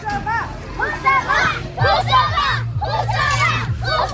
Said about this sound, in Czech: Asi nejhlasitější fanouškovský tábor tady, zdejší základní škola Husova Liberecká.